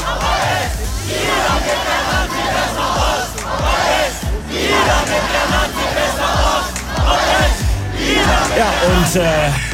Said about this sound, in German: Aber die Gegendemo war tatsächlich die ganze Zeit dabei und hat ordentlich Lärm gemacht.